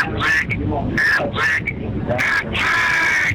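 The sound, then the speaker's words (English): A loud, nasal duck quacking sound effect for the Aflac trivia question during a Louisville–Ole Miss football broadcast repeats several times in quick, uneven bursts, prominent, ending in a longer drawn-out quack. “All right, that duck's fired up.”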